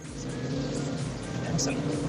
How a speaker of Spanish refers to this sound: Reportando en el nuevo Revolución. Está pesado el tráfico.